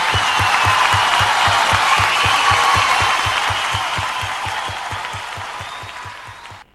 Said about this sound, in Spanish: Aplauso para ella, muchas gracias.